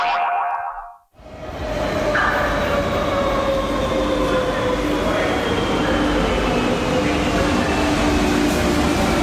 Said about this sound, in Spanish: Trayecto de metro en Madrid.